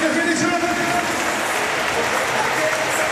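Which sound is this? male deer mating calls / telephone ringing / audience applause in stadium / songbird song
audience applause in stadium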